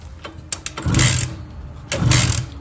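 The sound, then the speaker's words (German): A few mechanical clicks as the key is turned, then two loud bursts of a Simson S51 moped engine cranking and sputtering to life, each rough buzzing roar rising quickly and holding briefly. No one speaks. “die hat nämlich die Simson S51 gewonnen”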